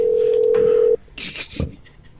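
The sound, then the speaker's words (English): A steady low telephone dial tone hums for about a second, then cuts off and gives way to a few brief, buzzy bursts like keypad dialing tones, dialing Domino's to place a pizza order. “Beep, bop, boop, boop.”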